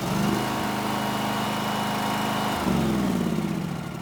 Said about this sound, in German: Angetrieben wird der Kombispreizer von dem Kompressor hier.